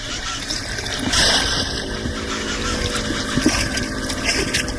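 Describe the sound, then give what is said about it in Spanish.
A fishing cast net is thrown and splashes into river water with a brief spattering hiss, set against a steady motor hum and the constant wash of water around a boat. “Bueno, tire este solo tarrayazo y nos vamos.”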